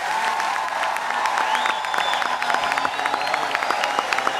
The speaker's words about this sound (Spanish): Fuerte el aplauso a Jesucristo. ¡Aleluya! Aplaudalo fuerte a Él.